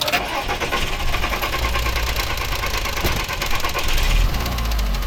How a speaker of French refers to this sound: Et donc là, j'ai tout de suite coupé le moteur. La voiture faisait ce bruit bizarre. Là, vous entendez ?